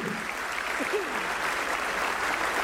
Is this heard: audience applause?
yes